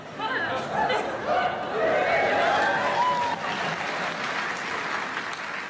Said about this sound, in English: Why would you clap? It's my language. Well, I don't clap when you speak English.